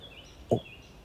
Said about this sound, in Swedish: Men nu, en hackspett och en liten...